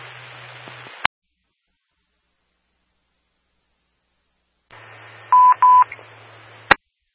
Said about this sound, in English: We're attempting to place phone calls. No answers.